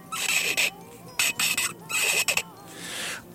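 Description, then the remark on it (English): A coffee travel mug lid squeaks as it is opened, in several shrill, dolphin-like bursts: four short chirping squeals in quick succession, fairly loud, the last one trailing off more softly. “I'm drinking coffee out of my cup, which I call the dolphin because it makes dolphin sounds when I open it.”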